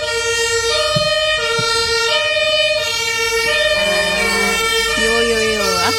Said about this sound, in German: Auch unterstrichen von den Sirenen.